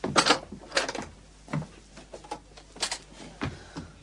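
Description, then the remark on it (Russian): A front door being opened: a few sharp clicks and rattles of the latch and handle, spaced irregularly over a few seconds, moderately loud, with no voices. “Перед открывшей дверь Верочкой предстал Юра, весь в ссадинах и царапинах.”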